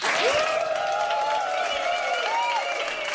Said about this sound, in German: Nochmal ein herzlicher Beifall